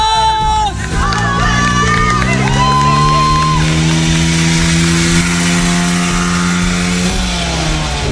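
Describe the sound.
A small moped engine, ridden by candidate number 5 in a speed test, buzzes and accelerates, its whiny pitch climbing before holding a steady, loud drone, then dropping off near the end, with murmuring voices underneath.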